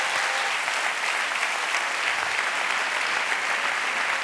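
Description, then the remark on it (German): Sustained applause from a sizable audience clapping for themselves, a dense steady wash of clapping hands that stays loud and even throughout, with no one speaking over it. “Ein Applaus mal für euch alle jetzt an dieser Stelle.”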